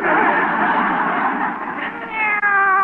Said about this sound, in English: Hey, what you got there? Well, it's a kitty cat. Oh. Isn't he cute?